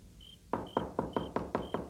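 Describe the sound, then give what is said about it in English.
A quick run of about seven firm knocks on a door, evenly spaced, with no one speaking and a faint high tone sounding between them. “please open the door.”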